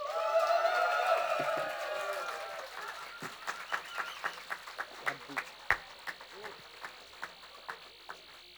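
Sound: concert audience applause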